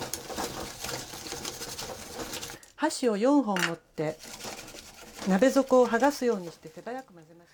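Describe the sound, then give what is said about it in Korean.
Four chopsticks rapidly stir eggs in a pot, loosening egg stuck to the pot's bottom, a quick, busy scraping and clicking for a couple of seconds, followed by a person speaking. “젓가락 4개로 냄비바닥에 붙은 달걀을 떼어내듯이 재빨리 휘저어줍니다.”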